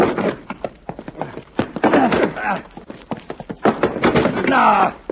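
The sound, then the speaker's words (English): The locked wooden door of a tool shed is shoved and rattled as people try to break it open, a rapid, irregular string of loud knocks and thuds, while voices strain and grunt over the banging. “Let's see if we can break it open.”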